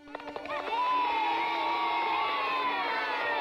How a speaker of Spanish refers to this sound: El domingo entró en Jerusalén como el rey triunfante, siendo recibido en la ciudad por multitudes de adoradores que gritaban ¡Hosanna! Y que le daban honra batiendo ramas de palma.